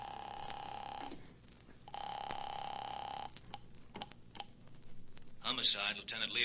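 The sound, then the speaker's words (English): A telephone ringback tone purrs twice through the earpiece on an outgoing call to headquarters, two long steady rings separated by a pause, followed by faint clicks and then a voice answering on the line. “Calling that number.”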